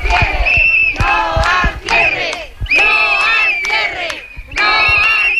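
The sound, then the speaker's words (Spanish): A crowd of protesters at two schools in Toreno and Carucedo, protesting cuts by the Junta, shouts chants at the start of classes in loud, rhythmic bursts, many voices rising together on each phrase with brief pauses between, the chanting repeating steadily throughout. “Con estos gritos han comenzado las clases en los dos colegios.”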